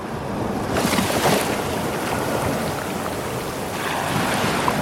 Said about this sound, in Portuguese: A trilha sonora retorna com o estouro de uma onda no cais.